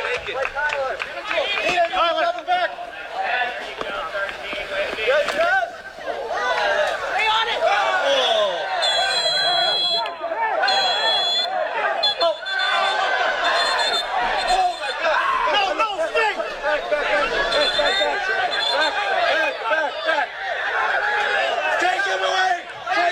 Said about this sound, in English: As you can hear, video recorded there from the stands. Some of the fans yelling, take him away.